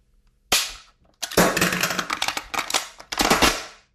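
Sharp metallic clicks and clacks of a rifle magazine being swapped: one crisp snap, a brief pause, then a rapid flurry of rattling mechanical clatter ending in a firm click, fairly loud.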